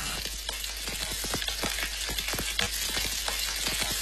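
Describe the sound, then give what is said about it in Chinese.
Batter-coated chicken pieces pan-fry in a hot wok with a fair amount of oil, turning lightly golden, with a steady, dense sizzle peppered with many sharp crackles and pops throughout. No one speaks. “鸡块在热力的烘托下逐渐呈现出微黄，鸡肉的鲜香被锁住。”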